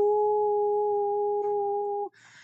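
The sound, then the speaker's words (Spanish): A person imitates a howl in celebration, with a long, steady, loud tone held for about two seconds, then it cuts off abruptly into a brief burst of noise. “Yo festejo con un aullido.”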